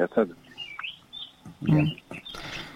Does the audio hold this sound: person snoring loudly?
no